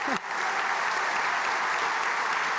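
An audience bursts into sustained applause, a dense, steady wash of clapping that holds at an even, loud level for the whole stretch after a brief voice at the start.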